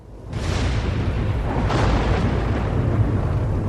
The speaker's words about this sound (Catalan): Els llocets s'encenien les crestes de la pelada i escutú i els trons rodolaven fins al fons de la vall, fins a tuir d'èvol.